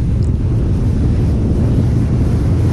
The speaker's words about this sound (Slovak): My sa teraz aktuálne nachádzame už na člne, ktorý je jedným zo sprievodných vozidiel a tu sú aj mladí plavci, ktorí dávajú dohľad nad týmito plavcami.